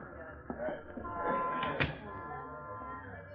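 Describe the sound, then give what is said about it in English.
A door opens and shuts with a couple of soft knocks and thuds beneath a steady murmur of voices talking. “There's the door.”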